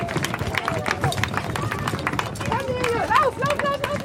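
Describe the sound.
Many quick footsteps patter and thump across the hollow-sounding deck of a 225-metre wooden bridge over the former Wismut site, reopened after renovation, as kindergarten children and a running group take the first steps together, with children's voices and chatter rising over the steady pounding.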